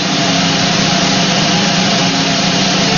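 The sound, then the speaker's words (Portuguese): A loud, sustained drum roll, dense and continuous with no pauses, sounding as a steady rumbling wash for about three seconds with no voices. “que rufem os tambores.”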